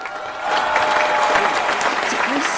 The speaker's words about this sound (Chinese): 响起来，热烈的掌声响起来啊！